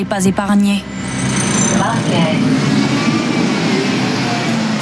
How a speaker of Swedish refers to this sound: Här på hållplatsen vid Dunkerques järnvägsstation är det fullt av folk, trots att bussarna kommer och går i ett.